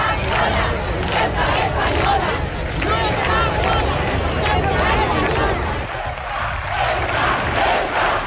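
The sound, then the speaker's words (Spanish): A large crowd shouts in support of Ceuta in Spain, a loud, dense roar of many voices that holds steady for the whole stretch, with chant-like surges rising over the din. “Ayer se escucharon gritos de apoyo a Ceuta en toda España, aunque los distintos relatos confrontaron también en algunos puntos como Madrid, donde hubo enfrentamientos y actuación policial para aliviarlos.”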